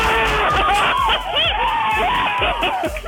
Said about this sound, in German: Etwa so würde ich euch gerne hören jubeln an dem Sonntag.